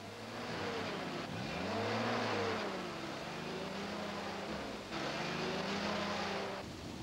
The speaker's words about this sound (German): Das ist ein Taxi aus Ashinoko.